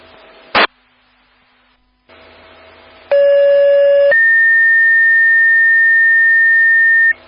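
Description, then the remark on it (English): A short click, then a burst of radio static, followed by a loud sequence of steady electronic fire dispatch disregard tones for a false alarm at a Walmart: a one-second tone with harmonics, then a long sustained higher tone lasting about three seconds. “Stand by for disregard tones.”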